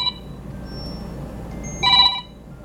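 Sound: telephone ringing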